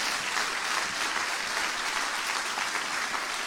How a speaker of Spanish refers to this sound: Dale un aplauso a la luz. Dale un aplauso a la verdad.